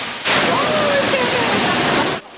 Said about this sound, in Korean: 자연이 오랜 세월 동안 만들어낸 물줄기.